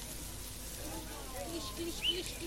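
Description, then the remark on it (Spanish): Embers crackle softly beneath three bife de chorizo steaks sizzling on a parrilla grill, a steady hiss dotted with scattered faint pops and one sharper snap near the end. “Qué sonido más hermoso, no debe haber sonido más hermoso. El crepitar de las brasas.”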